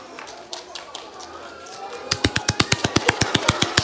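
After a quiet, murmuring start, a long run of loud hand claps bursts in, sharp and evenly spaced in a quick, steady rhythm that keeps going to the end.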